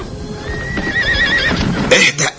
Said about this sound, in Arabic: لماذا وقفت أيها الحصان؟ عجبا لك، أي شيء أصابك؟